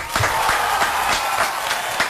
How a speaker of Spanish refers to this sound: ¡No, un aplauso para la producción!